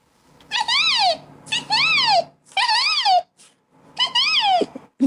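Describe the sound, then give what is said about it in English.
A person imitates a resplendent quetzal call: four loud, rich, wavering whistled notes, each swelling up and sliding down, separated by short pauses. “It's my favorite bird. They were splendid quetzal. And what sound does this one make?”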